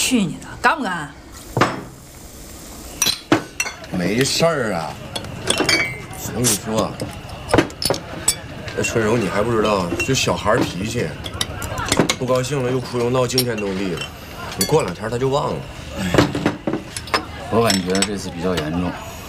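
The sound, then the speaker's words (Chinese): Glasses clink together in a toast to their freedom, a few bright, sharp chimes, with people talking and laughing over and between them. “咱呢，就为咱们的自由再干一杯。”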